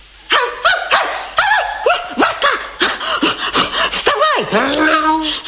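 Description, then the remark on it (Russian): The dog Zhurka barks and yelps in a quick, uneven series of short calls with panting breaths between them, running to a hut, ending in a longer drawn-out whine. “Узнала про то собака Журка.”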